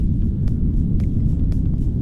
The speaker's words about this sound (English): Here's what brown noise sounds like. It kind of sounds like if you're driving in a car.